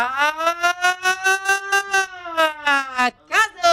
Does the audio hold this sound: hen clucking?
no